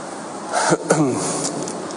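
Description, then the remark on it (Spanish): A couple of short, rough throat clears from Spanish Economy Minister and Vice President Carlos Cuerpo, one right after the other, amid pauses and hesitation, with no clear speech around them. “Y a tenor de las pausas, las dudas y los carraspeos, la sensación es que este ministro tampoco lo tiene muy claro.”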